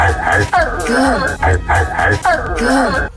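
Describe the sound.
A man's voice imitates a dog barking in loud, voiced yelps, repeated in a steady rhythm of drawn-out bursts with brief gaps between them.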